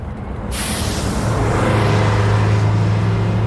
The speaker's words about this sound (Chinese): 汽车在京沈高速上疾驰